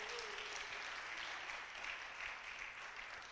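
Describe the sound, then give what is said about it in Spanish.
An audience applauds for the Lord in a morning church service, a dense, continuous wash of many hands clapping at an even level for several seconds with no voices standing out. “Dele un aplauso al Señor en esta mañana.”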